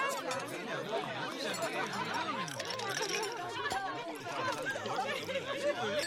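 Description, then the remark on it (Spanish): Sounds of an ordinary dinner: a steady babble of many overlapping voices at even loudness, with occasional light clinks of dishes or cutlery mixed into the chatter. “Seguramente estos te parecieron sonidos de una cena cualquiera, pero si todos te sonaron familiares, hay algo que dejamos de escuchar.”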